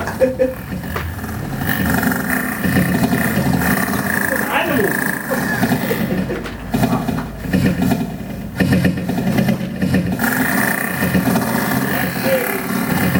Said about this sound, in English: It's a composition for helicopter. Helicopter. Yeah, sounds like it's broken.